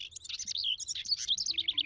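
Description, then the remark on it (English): A house wren sings a rapid, bubbling cascade of high chattering notes that runs without pause, clear, over a faint low hum. “This helps bluebirds find a space to nest, at least until next spring, when that male house wren gets busy again.”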